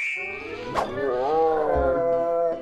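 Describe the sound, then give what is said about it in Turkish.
A hungry tiger roars in one long, loud, drawn-out cry lasting about two and a half seconds, rising and falling in pitch, with no other sounds. “Kaplanım acıkmış.”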